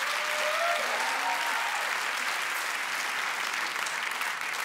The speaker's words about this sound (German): Mega, ein Applaus.